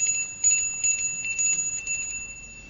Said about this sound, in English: Because you asked to ring this bell.